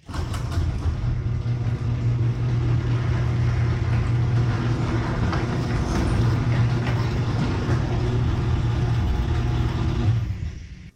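A garage door with new premium nylon rollers opening: the opener's steady, low buzzing motor drone with a smooth, even rumble that runs unbroken for about ten seconds, then stops. No one speaks.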